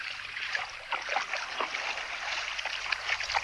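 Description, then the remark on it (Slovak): Sea water laps and splashes steadily, a continuous wash with small sloshing pulses throughout. Moderately loud, with no voices. “Naveľa, naveľa pobral sa k moru.”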